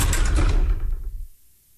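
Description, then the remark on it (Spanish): A door lock mechanism clicks and grinds shut in a quick burst of rattling metal, fairly loud, so the door can no longer be opened from inside, then fades into near silence with no voices. “La puerta dejó de abrirse por dentro.”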